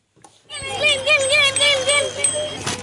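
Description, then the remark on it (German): On Yom Kippur in the town of Herzliya near Tel Aviv, Israel, children on bicycles ring their bells on car-free streets amid excited, high-pitched children's voices calling out over a steady low hum, for about two seconds. “Kinder auf Fahrrädern klingeln ausgelassen.”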